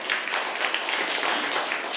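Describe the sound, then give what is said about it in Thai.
A group of students in a class applauds a classmate. A dense, steady wash of many overlapping claps is sustained at an even level for the full two seconds, with no voices over it. “ปรบมือให้กับเพื่อนด้วยนะครับนักเรียน”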